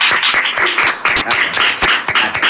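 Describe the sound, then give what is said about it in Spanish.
A small group applauds steadily for a couple of seconds, a dense, crackling patter of many hands with a few sharper, louder claps popping out above the rest. “Ahora sí, un aplauso.”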